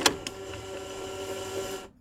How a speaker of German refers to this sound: So, irgendwie hören wir nichts. Ich probiere es nochmal, das Tape reinzuschieben.